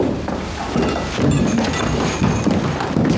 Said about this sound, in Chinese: 是军民小组的人在敲门。